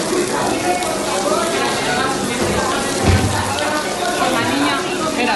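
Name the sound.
water pouring down walls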